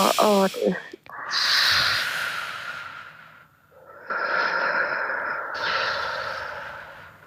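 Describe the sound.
A brief bit of voice, then two long, breathy exhalations, each a steady airy hiss lasting a couple of seconds, separated by a short pause; a person in a studio breathing out as slowly as possible while looking up at the ceiling.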